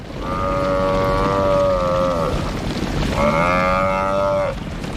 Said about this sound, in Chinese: 在飞扬的尘土中，四只狮子开始围攻一头高大的非洲水牛。